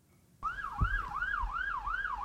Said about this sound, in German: Eigentlich darf er die Sirene gar nicht einschalten, aber auf abgelegenen Straßen macht Dariusz Marcinkiewicz das manchmal. Mit dem New Yorker Streifenwagen